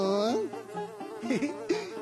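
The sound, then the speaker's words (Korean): A dung fly buzzes loudly, a continuous droning hum whose pitch wavers and swoops up and down for about two seconds, with no talking over it. “어, 똥파리님! 자르자르 꽃가루도 데리고 가주세요.”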